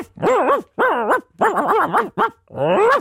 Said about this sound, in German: Das war Hundisch und heißt, dass es heute in der Maus zum Hören um Hunde geht.